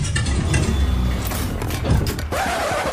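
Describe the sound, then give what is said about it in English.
A car engine cranks and sputters, straining to catch without settling into a steady idle, a loud mechanical churn lasting a few seconds with no talking. “you sure this car will get us home?”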